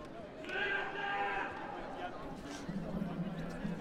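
A single drawn-out sheep bleat, wavering and nasal, rises over a busy background of muffled noise, then fades, leaving a low murmur.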